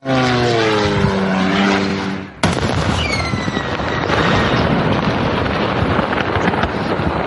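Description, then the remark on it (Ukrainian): A droning, buzzing engine whine of an incoming Ukrainian attack drone for about two seconds, cut off by a sudden loud blast as it hits a Wildberries warehouse in Sarapul, Udmurtia, Russia, then a sustained roaring rumble with faint whistling. No one speaks. “Ось момент влучання дрона.”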